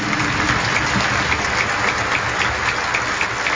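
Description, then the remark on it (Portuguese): An audience at a religious celebration in a sanctuary applauds steadily, welcoming everyone present: many hands clapping in a dense, continuous patter that stays at an even, fairly loud level throughout, with no voices standing out. “Os concelebrantes que também estão aqui participando conosco, nossa acolhida, e a todo o povo de Deus, uma grande salva de palmas.”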